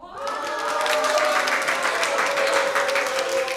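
An audience at a lecture given by Christer Enqvist bursts into sustained applause with cheering and whooping voices, a dense wash of clapping that stays loud and steady for several seconds, cheering on request for a broadcast.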